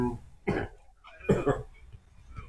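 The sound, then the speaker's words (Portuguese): Two bursts of harsh coughing, a single cough followed by a quick double cough, with a faint throat-clearing rasp trailing off at the end. “Tá tossindo muito?”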